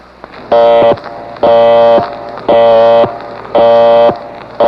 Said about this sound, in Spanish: Toca el timbre.